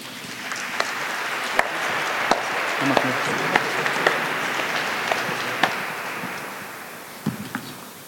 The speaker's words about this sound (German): Bitte um einen Applaus.